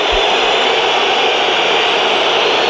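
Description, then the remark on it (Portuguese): A huge stadium crowd whistles in a dense, shrill, unbroken roar that stays loud and steady throughout, with no voices standing out. The crowd is whistling at Rafael Leão as he enters the field in the second half of a match involving Sporting. “Entra em campo Rafael Leão e é um gol de assobios para um jogador que saiu a mal com o Sporting em 2018, com 19 anos, e é agora altamente assobiado”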